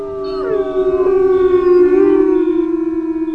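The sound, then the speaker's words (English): A pack of wolves howls together in long, overlapping wails, their sustained tones sliding and blending into a steady chorus that carries on loudly without pause. “And then we had a little Wolfpack howl for you.”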